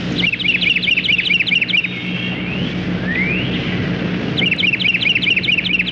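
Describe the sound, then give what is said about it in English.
A Carolina wren in a yard sings two loud bursts of rapidly repeated, ringing whistled phrases, with a couple of thin rising sweeps between them, over a steady low rumble of background noise. “The Carolina wren sounds like a small bugle.”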